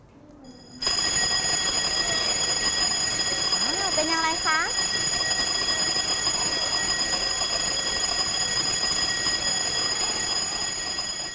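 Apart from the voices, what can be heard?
fire alarm ringing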